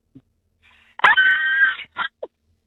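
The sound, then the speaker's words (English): A late-night shopper, asked for their best Hollywood horror scream, lets out a loud, high-pitched acted horror-film scream lasting under a second, followed by a couple of short breathy yelps. “Okay, well, give me your best Hollywood horror scream in spotlight for everyone to hear.”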